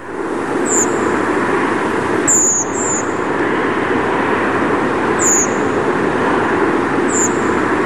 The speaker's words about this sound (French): Alors, cette fois-ci, c'est une grive Movis, enregistrée à 21h24.